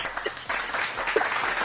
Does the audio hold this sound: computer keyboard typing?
no